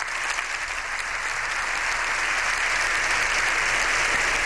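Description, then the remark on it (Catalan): Sustained applause from deputies and senators of Spain's Cortes Generales as Pope Leo XIV enters the chamber's hemicycle, a dense, steady wash of clapping that holds at an even, fairly loud level throughout with no voices standing out. “Diputats i senadors han trencat en aplaudiments a l'entrada a l'hemicicle del pontífex.”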